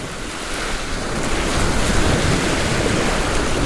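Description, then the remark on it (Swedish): Steady wash of waves breaking and rushing past a sailboat at sea on its maiden voyage, the boat's first time out at sea, with gusty wind noise buffeting the microphone and the water growing slightly louder throughout; no voices. “Det här är första gången båten är ut på havet.”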